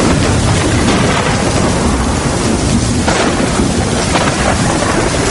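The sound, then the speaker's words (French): Heavy rain pours down steadily while deep thunder rumbles through a violent storm, the roar dense and loud throughout with no voices. “L'orage éclate, violent, immense.”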